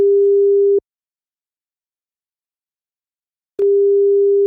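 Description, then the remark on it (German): A steady single-pitched telephone ringback tone of an outgoing call from Berlin-Friedrichshain to the Zentrum Klimaanpassung sounds for under a second, falls silent for nearly three seconds, then starts again, waiting to be answered. “Wir verlassen jetzt mal kurz Berlin-Friedrichshain und klingeln durch”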